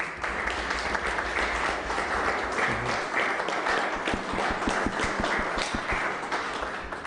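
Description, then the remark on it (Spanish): A crowd applauds steadily for several seconds, a dense, even wash of many hands clapping, with a few louder individual claps standing out toward the end. “Le damos un aplauso.”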